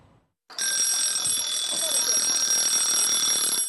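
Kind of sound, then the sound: signal or alarm, timer alarm ringing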